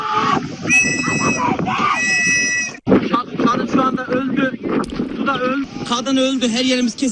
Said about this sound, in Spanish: el agua empezó a entrar en la nave, cundió el pánico y un buen número de pasajeros saltó al mar. Así grababa uno de ellos a los que esperaban el rescate en un lateral del barco mientras una mujer grita por los que se están ahogando.